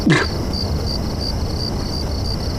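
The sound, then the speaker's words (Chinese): A steady chorus of many crickets chirps in a continuous, pulsing high-pitched trill, moderately loud, with a brief soft knock at the very start and no voices. “哪儿静了？这么多蛐蛐叫，你听不见啊？”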